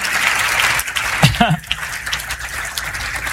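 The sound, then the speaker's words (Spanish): An audience claps steadily in praise to God in a dense, continuous wash of applause, with a brief voice rising over it partway through before the clapping carries on. “Denle un aplauso al Señor de señores y al Rey de reyes por ese toque divino.”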